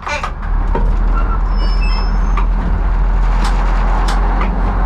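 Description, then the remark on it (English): A 40-ton passenger train rumbles steadily as it slowly rolls out along the tracks of Prague's main station, with a deep continuous low drone, faint metallic squeals, and occasional clanks and clicks. “The 40-ton train slowly rolls down the tracks of Prague's main station.”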